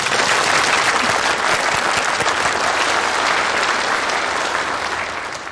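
Sustained audience applause from a sizable crowd for a team that won a national team championship, dense and steady clapping before slowly tapering off near the end, with no voices over it.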